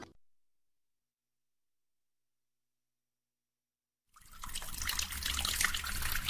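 After several seconds of silence, water suddenly starts gushing from a tap, a steady, fairly loud rush that keeps flowing until the end, with no voices.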